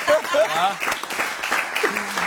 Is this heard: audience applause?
yes